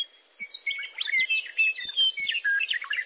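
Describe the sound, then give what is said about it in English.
A songbird sings a continuous, varied melodic song of quick warbling phrases and clear whistled notes, moderately loud, with no voices or other sounds. “got together to design a bird song, that's what they would write”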